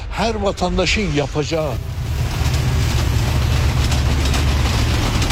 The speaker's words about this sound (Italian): C'è trambusto alla stazione ferroviaria. Da Teheran un treno notturno raggiunge Van due volte alla settimana. Lo stesso avviene nella direzione opposta. I passeggeri vengono circondati dai tassisti.